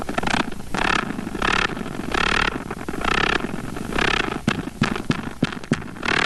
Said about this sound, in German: Forschern aus den USA ist es aber gelungen, diese Geräusche bei großen Spinnen einzufangen und hörbar zu machen. Bei männlichen Wolfsspinnen, die ein Weibchen anlocken wollen. Und dieses Vibrieren und Trommeln klingt so.